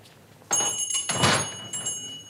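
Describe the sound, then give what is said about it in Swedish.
A pharmacy door swings open and shuts again, a couple of hollow knocks with a faint metallic ring lingering afterward, no voices present. “Han låste dörren ordentligt efter barnen och tänkte på att nu skulle det bli skönt att komma hem och få en bit mat.”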